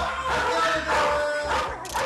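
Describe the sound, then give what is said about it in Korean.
Several dogs bark and yip at once inside a dog grooming salon on the second floor, a busy overlapping chorus of sharp, fairly loud barks that keeps going without pause. “우와, 짖는 소리가 한두 마리가 아닌 것 같은데요?”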